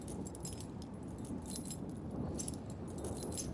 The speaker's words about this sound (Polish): Klucze chyba.